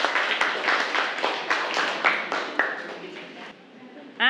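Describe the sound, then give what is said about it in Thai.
A group of students, group 6 and all the other groups, claps for themselves together in a steady rhythm for a few seconds amid background chatter, then the clapping fades and a single voice briefly rises at the end. “เก่งมากกลุ่ม6ปรบมือให้ตัวเองค่ะทุกกลุ่มเลย”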